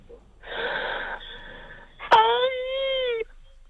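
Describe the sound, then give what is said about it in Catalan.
A woman's voice imitates orgasm sounds: a long breathy, wheezing gasp followed by a sustained, rising-then-falling moan, fairly loud, with no talking. “Però tu despertes els morts, clar, amb aquest orgasme.”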